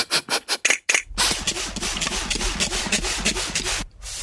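A steam iron hisses steadily for about three seconds as hot steam comes from it onto a blouse, with a soft rhythmic rubbing as it glides over the fabric, preceded by several quick, sharp spurts. No one speaks.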